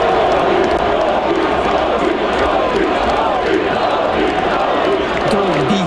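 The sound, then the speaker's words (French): A large crowd in the street outside the Centre Bell cheers loudly for Montreal Canadiens goaltender Dobesch during the player introductions, a dense roar of many voices that rises and swells together with no break for the full length. “Et bon, les joueurs des Canadiens, quand ils sautent sur la glace, ils sont tous chaudement applaudis. Mais il y en a un quand même qui a eu droit à quelque chose de spécial.”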